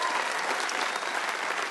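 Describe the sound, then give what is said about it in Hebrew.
A burst of audience applause, dense and steady clapping from many hands, sustained at an even level throughout with no voices standing out. “אל תמחו כפיים, הוא תימני, אוקיי? אין מה לשמוח.”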